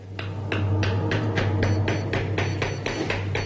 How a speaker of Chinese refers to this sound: 我们得凿得深一点，彻底清除那些零碎的牙骨，不能有残留。 敲的时候小心点， 一不小心就有可能弄伤他的下颌。